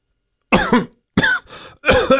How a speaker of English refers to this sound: It's like a cough.